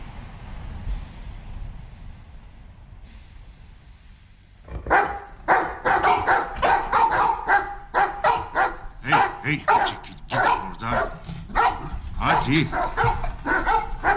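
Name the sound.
dogs barking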